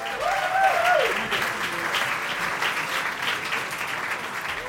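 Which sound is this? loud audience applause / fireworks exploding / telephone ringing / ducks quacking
loud audience applause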